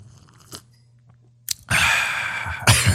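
A couple of soft clicks, then a noisy slurp of coffee flows into a long, breathy, satisfied exhale, loud, with no talking.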